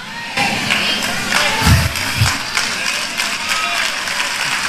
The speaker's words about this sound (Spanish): Pero no aplaudas tanto, que hay otra que no la vas a agarrar para atrás de ninguna manera.